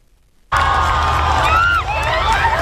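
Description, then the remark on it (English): A huge crowd of more than a million people lining the streets of Madrid cheers and shouts loudly, waving flags and banners to welcome Pope Leo in his Popemobile: a dense roar of many voices with higher whoops and calls rising above it, starting abruptly after a brief silence. “More than a million people lined the streets of Madrid today, waving flags and banners to welcome Pope Leo.”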